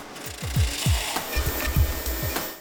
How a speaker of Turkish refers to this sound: Ahşap geniş bant aralığında bir zımpara makinesinden geçirilir. Gitar yapımında kullanılan neredeyse her tahta parçası bu makineden geçiyor.